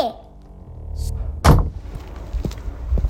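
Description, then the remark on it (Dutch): A café door swings closed and shuts with a single solid thud about halfway through, preceded by faint movement and followed by low, muffled ambience. “Ja, de deur valt weer dicht van Krancafé Confetti.”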